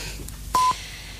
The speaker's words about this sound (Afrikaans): Wanneer u die sein hoor, is dit precies 9:14.